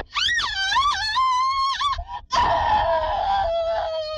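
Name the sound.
woman's scream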